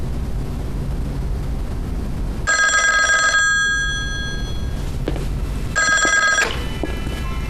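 A telephone bell rings in two bursts, each about a second long, with bright metallic harmonics over a steady low rumble of background noise; no one speaks.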